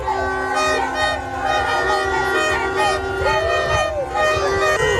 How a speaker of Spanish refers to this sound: Es el sonido de las calles de Bogotá.